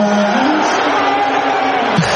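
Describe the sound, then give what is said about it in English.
A loud, steady wash of crowd noise, many voices cheering and shouting at once, sustained without a break for about two seconds, with a few individual voices rising above the roar. “Hear those cheers.”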